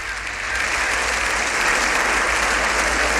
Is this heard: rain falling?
no